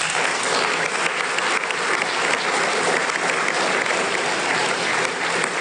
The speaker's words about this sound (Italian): Quindi grazie ancora, e vorrei chiedere un altro applauso per loro.